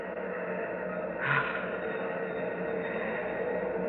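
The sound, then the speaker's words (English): A steady, dense roar of rocket engines firing at launch with nearly 1,000,000 pounds of thrust, ripping Pegasus 4 loose from Earth's gravity. The roar is broad and unbroken, with a brief louder surge about a third of the way through. No voices are heard. “Hear those rocket engines? Yes. Nearly 1,000,000 pounds of thrust.”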